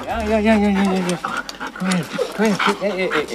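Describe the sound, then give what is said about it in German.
Scud, a grey-and-white female husky at the Korbach animal shelter, whines excitedly at the sight of her leash and harness in a string of high, rising-and-falling yelps mixed with quick panting breaths, fairly loud, with an eager, restless rhythm throughout. “Wenn Scud Leine und Geschirr sieht, ist die Freude groß.”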